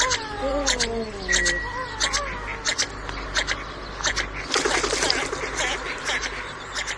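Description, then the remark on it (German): A bird calls repeatedly, a series of harsh, sliding notes tumbling over one another, followed by a noisier flurry of chattering cries against steady background rumble; played as the 'bird of the week' feature on Radio T. “Das war er, der Vogel der Woche hier bei Radio T und das war auch der Detektor.”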